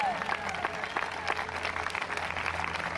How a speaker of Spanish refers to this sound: ¿Cuántos alaban al Señor en esta hora? Dele fuerte aplauso al Señor, hombre, no se rojeran.